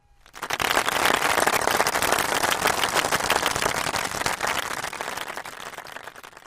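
A crowd breaks into loud, dense applause, many hands clapping in a rapid crackling rush that holds steady for several seconds before thinning out slightly at the end, with no voices.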